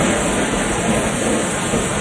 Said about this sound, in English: This storm even sounds dangerous.